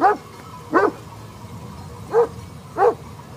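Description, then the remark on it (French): A guard dog, nervous because of wolves, barks four times in short, sharp, loud bursts with uneven gaps, against a quiet outdoor background with no talking. “Il est nerveux en ce moment, c'est à cause des loups.”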